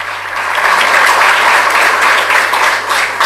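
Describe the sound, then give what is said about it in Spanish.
A crowd applauds steadily for the director of the municipal band, a dense wash of many hands clapping at once, loud and sustained for the full few seconds with no voices standing out. “Voy a pedir un fuerte aplauso para el director de la banda, a quien agradezco.”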